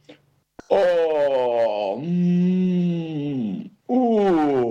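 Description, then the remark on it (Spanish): A human voice imitates a bear waking from winter sleep in spring and stretching: a loud, drawn-out moan that dips and rises for about three seconds, then a second groan begins right after. “Exclamaba el oso, mientras estiraba un brazo, una pata o balanceaba la cabeza.”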